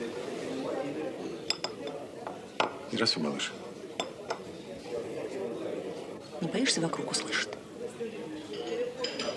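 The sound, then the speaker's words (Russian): Dishes and cutlery clink repeatedly in a busy canteen, bright irregular chinks of metal and crockery over a steady murmur, while two people talk quietly. “Столовая.”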